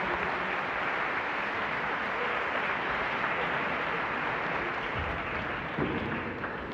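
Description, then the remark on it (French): A crowd claps steadily throughout, a dense, even wash of applause from many hands that holds its level from start to finish without fading. “Et je pense qu'on peut applaudir, que vous pouvez vous applaudir et qu'on peut remercier toutes les personnes qui ont rendu ce moment possible.”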